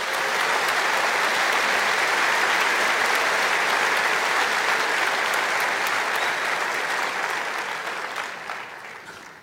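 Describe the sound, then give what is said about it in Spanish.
A church audience breaks into loud, sustained applause for Jesus, a dense wash of many clapping hands that holds steady for several seconds before gradually tapering off at the end. “Dar un aplauso a Jesús.”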